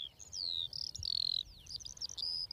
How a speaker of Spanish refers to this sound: Sí, cuando escuchamos aquí el concierto de todas las alondras, está claro que este es el hábitat ideal para las aves. Y aquí ya tenemos, si prestas atención, 1, 2, 3 parejas cantando.